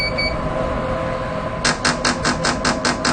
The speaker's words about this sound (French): Et quand vous entendez le bip bip bip, ça vous annonce que vous allez qu'on va commencer la nouvelle stimulation.